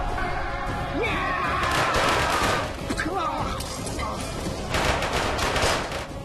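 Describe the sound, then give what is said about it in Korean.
Battle gunfire and cannon fire in a war between the British army, with modern cannons and guns, and the Qing army: a dense, continuous clatter of rifle volleys with heavier booms rising at intervals, loud, filling the whole stretch without pause. “영국과 청나라 간의 전쟁이 일어나게 됐는데 신식 대포와 총을 가진 영국 군대에게 청나라 군대는 무력하게 당하고 말았지.”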